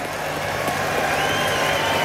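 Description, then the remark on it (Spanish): A crowd at a fonda claps steadily for a woman, a dense, continuous patter of many hands at moderate loudness that fills the whole moment without pause, with no voices standing out above it. “¡Un aplauso para la señora!”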